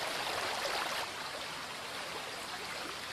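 Spring water filtered through the rock gushes out in many jets at the Escuaín spring inside a gorge, splashing in a steady, unbroken rush, a dense hiss of falling water. Slightly fuller in the first second, then constant, with no voices.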